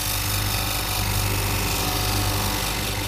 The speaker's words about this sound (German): So, da hört man jetzt, wie ein Stein geschliffen wird.